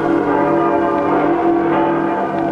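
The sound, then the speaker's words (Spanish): Church bells ring out continuously in a dense, festive peal in Alcoy as the image of the patron saint enters the church during the Moros y Cristianos festivities, their overlapping metallic tones sustained and loud throughout with no pauses or talking. “Las campanas lanzan festivas sus voces de aleluya.”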